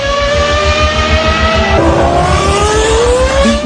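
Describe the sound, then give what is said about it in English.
Loud engine roar with rising and shifting harmonic whines as race cars accelerate and rev, a steady dense rumble underneath filling the whole few seconds without pause. “And you'll hear the sounds of those cars in all those places.”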